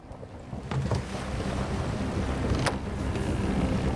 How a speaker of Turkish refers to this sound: Fırtına çok hızlı ilerliyor.